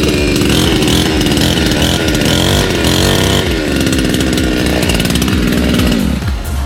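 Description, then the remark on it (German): A chainsaw fitted with a pepper mill runs loud and steady for several seconds, its buzzing engine rising and falling in pitch as it revs, with a harsh rattling drone throughout and no talking. “Nein, das ist eine Motorsäge, da ist eine Pfeffermühle dran.”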